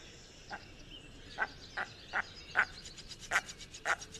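A bird repeats a harsh, duck-like quacking call about seven times at an uneven pace, the notes growing louder toward the end over a steady hiss of outdoor background noise.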